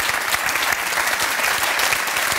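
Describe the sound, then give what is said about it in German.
Sustained applause from an audience, a dense steady patter of many hands clapping at once, fairly loud and continuous throughout without any voices standing out. “da haben Sie ja noch einen Applaus.”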